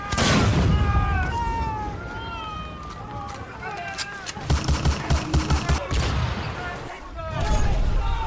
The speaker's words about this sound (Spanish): Durante horas, la Esmeralda resistió el bombardeo. Los cañonazos del Huáscar perforaban la madera y causaban estragos entre los marinos chilenos.